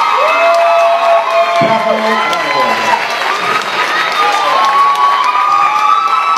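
A crowd cheers and applauds steadily, with shouts and whoops rising above a continuous wash of clapping. The noise stays loud and dense for the whole stretch without pausing.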